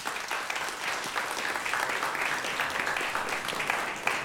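A concert audience at an Open Stage Ether Jazz event, recorded for a radio broadcast, applauds steadily, a dense, sustained patter of many hands clapping at an even loudness for several seconds.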